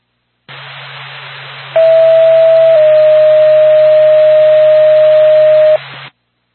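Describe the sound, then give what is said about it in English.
A long, steady electronic dispatch paging tone for Lancaster Ambulance sounds loudly over a hiss of radio static, holding one pitch for about four seconds with a slight step partway through, then cutting off abruptly. “Lancaster Ambulance, stand by for the tone.”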